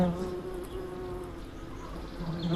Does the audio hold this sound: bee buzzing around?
yes